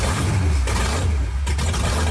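A powerful race car engine rumbles loudly, its deep throaty roar swelling and surging as it revs, with no voices over it.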